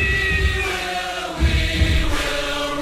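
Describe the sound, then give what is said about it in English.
A cat meows in a long, drawn-out, wavering cry that lasts several seconds, fairly loud, over a low background rumble with no one talking. “Poor okay. Cat.”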